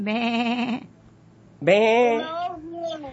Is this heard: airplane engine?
no